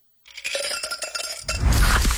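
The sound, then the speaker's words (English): Crisp clinks and crackles as a can of Pepsi Zero Sugar cola is opened, then a rushing pour that swells into steady bubbling fizz, loud with no voices. “You hear that? That's the sound of Pepsi Zero Sugar.”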